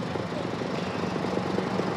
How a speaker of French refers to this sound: Eh bien, écoutez, on voit qu'il y a énormément de moyens mobilisés sur place et surtout cet hélicoptère Dragon, peut-être que vous le voyez, mais surtout que vous l'entendez. Il est en train, eh bien, de survoler la zone